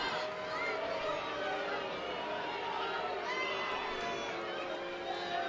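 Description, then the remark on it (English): A large baseball stadium crowd murmurs and roars steadily throughout, reacting to a close pitch called a ball; a dense wash of voices and cheering with no single voice standing out. “And now the slightest thing is going to get even more of a reaction from the crowd.”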